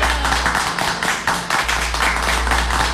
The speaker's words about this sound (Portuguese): É aniversário dele, moço. É aniversário dele. Solta os aplausos, dá os aplausos, dá os aplausos. Os aplausos, bem aplaudido, bem aplaudido.